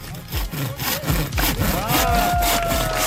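Steady back-and-forth sawing through wood in Armsheim, loud, with rhythmic strokes roughly every half second and a faint ringing tone as the blade binds near the end.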